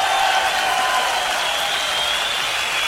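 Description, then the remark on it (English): A large live concert crowd in Wales applauds steadily, a dense wash of clapping and cheering that holds at an even, fairly loud level for the whole stretch, with no one speaking over it. “What a great crowd you are.”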